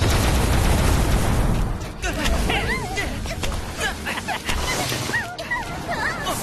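A rapid volley of sharp popping launches as balloon balls are fired off one after another, loud, mixed with squeaky, whimpering cries over a dense rumbling background.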